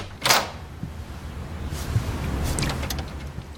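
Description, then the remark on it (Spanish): A closet door slides open with a quick whooshing scrape, followed by a low rumbling glide and a few soft rattles as it settles. No one speaks. “Voy a entrar al closet, señora Van Patten. Estoy abriendo la puerta.”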